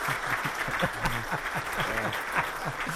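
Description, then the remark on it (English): Steady, dense applause fills the whole stretch, a continuous patter of many hands clapping at moderate volume, with faint voices talking underneath. “Oh, no, more applause.”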